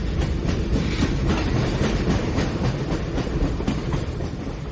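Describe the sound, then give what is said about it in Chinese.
A train travelling the Jinpu and Huning railways to Shanghai North Station, stopping and starting, rolls steadily along the rails, its wheels clattering in a loose clickety-clack rhythm over a constant loud rumble, with no voices. “火车入金浦铁路，渡长江后又入会宁铁路，一路走走停停，跑了两天一夜才到上海北站”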